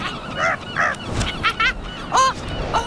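A herring gull calls repeatedly, about six harsh, nasal cries in quick uneven succession, loud, over a faint rumbling background with no talking.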